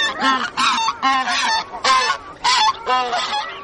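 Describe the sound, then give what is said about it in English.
Geese on an Arctic lake, where hundreds of geese gather, honk repeatedly in a rapid, overlapping series of loud, nasal calls, several birds calling over one another with only brief gaps. “Watching the spectacle on the lake are hundreds of geese, yellow-billed loons, and one of the most beautiful birds of the Arctic, king eiders.”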